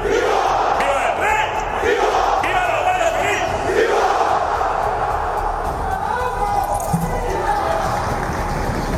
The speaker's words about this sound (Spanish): ha estado marcado por los gritos de ¡Viva la UCO!, que varios asistentes han lanzado cuando se encontraban en la tribuna tanto el ministro del Interior, Fernando Grande Marlaska, como la directora general del Cuerpo, Mercedes González.